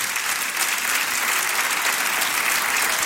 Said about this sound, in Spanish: Aplauda si le va a aplaudir al Señor por su palabra.